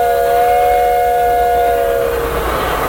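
The whistle of a steam train called Big Dixie sounds one long, steady chord-like blast for about two seconds, then sags slightly and fades over a low rumbling background. It is fairly loud and no one speaks.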